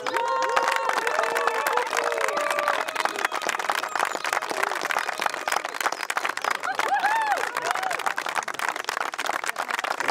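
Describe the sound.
Steady audience applause fills the whole stretch, dense clapping at a constant loud level, with scattered voices and a few cheering shouts rising through it.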